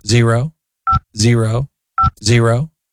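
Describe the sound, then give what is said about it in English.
Two brief, clear phone keypad beeps sound as the voicemail password is entered, alternating with three longer wordless vocal tones, as if a voice is humming or mimicking the button presses. “I need to get right to it and check my voicemail.”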